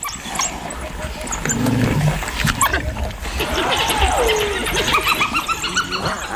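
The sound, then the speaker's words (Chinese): Two spotted hyenas arrive among a pack of African wild dogs: a busy, overlapping chorus of high twittering and yelps, low grunting growls, and a sliding, descending whoop-like cry, with no pause. “哦，是斑鬣狗，斑鬣狗来了，这下可热闹了。”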